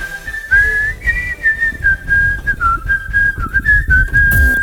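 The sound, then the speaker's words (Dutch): A clear, sustained whistled melody with a steady pitch that wavers and slides gently between notes, fairly loud over a low rumbling background, ending with a short clatter. “Mooi fluitje aan het einde.”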